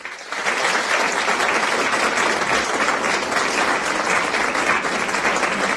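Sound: audience applause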